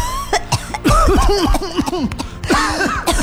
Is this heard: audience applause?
no